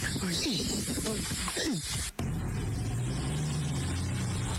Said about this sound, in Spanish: Están sacando la camioneta del Libo, que se quedó en un pantano.